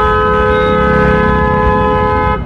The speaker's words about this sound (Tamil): என்னென்ன காது பிஞ்சிடும் போல இருக்கு, இப்படி ஹாரன் அடிக்கிறாங்க பா.